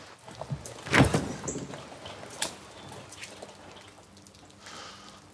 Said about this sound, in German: Mach die scheiß Tür auf, da.